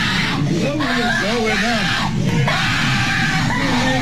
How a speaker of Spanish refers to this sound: Suben un video del niño cuando le están cortando el cabello y quiero que escuchen semejantes gritos. Parece que lo está matando.